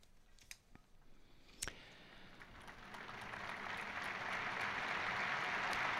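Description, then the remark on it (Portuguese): Scattered claps start up and quickly swell into a dense, steady wash of applause from about 15,000 faithful in St. Peter's Square, applauding the Pope's catechesis, growing louder toward the end with no one speaking. “Os 15 mil fiéis presentes na Praça São Pedro aplaudem, então, essa catequese do Santo Padre.”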